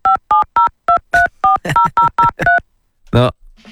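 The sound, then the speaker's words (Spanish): A quick run of about ten crisp touch-tone telephone beeps as a phone line is being released, evenly spaced and loud, followed after a short pause by a brief vocal sound. “A ver, estoy soltando la línea, ¿eh?”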